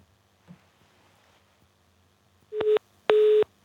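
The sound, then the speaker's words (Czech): A telephone busy signal on a failed call to reconnect a radio interview: two loud, steady electronic beeps in quick succession, the second slightly longer, following a few seconds of near-silence with faint background noise. “Tak bohužel ani telefon nefunguje, tak se omlouváme velmi za to, že se nám nepodařilo obnovit spojení s Davidem Jakšem tak, aby bylo kvalitní a budeme pokračovat v dalším programu.”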